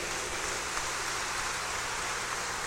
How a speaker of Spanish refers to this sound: Vamos a recibirla con un fuerte aplauso.